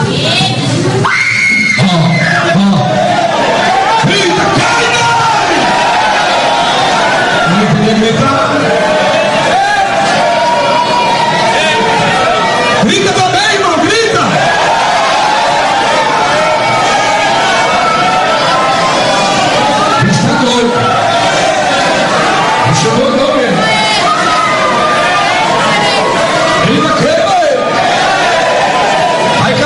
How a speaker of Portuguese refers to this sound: Fecha os olhos. Um demônio vai gritar aí, quer ver?